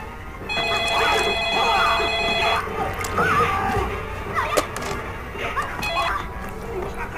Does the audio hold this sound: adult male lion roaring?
no